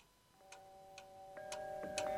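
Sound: clock ticking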